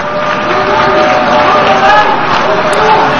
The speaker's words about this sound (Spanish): Gran parte de las delegaciones han empezado a abandonar la sala. Se mezclaban las protestas y los aplausos de otras delegaciones que han decidido permanecer y apoyar al primer ministro israelí.